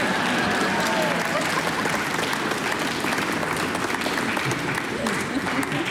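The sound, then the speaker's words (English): A large audience applauds steadily for several seconds between movements of a piece, a dense, continuous wash of clapping that stays loud and even throughout, with faint crowd murmur mixed in. “It's okay to clap between movements.”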